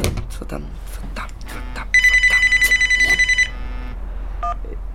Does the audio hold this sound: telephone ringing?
yes